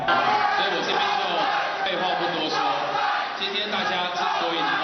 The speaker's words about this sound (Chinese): 民进党台北市长参选人沈柏阳出席地方活动致辞时，台北市长蒋万安正好到场，现场不断传出欢呼声。